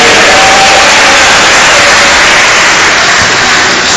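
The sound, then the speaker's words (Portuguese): A church audience applauds to praise the Lord in a loud, steady wash of dense clapping that holds at the same level for the full four seconds, with no voices rising above it. “Pode aplaudir ao Senhor, pode glorificar a Ele.”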